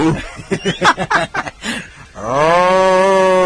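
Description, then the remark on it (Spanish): A burst of rhythmic chuckling gives way to a loud, drawn-out moo that swells up and holds steady, a person's voice imitating a cow. “¿Y cómo hace la vaca?”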